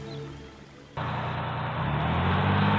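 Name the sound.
bus driving away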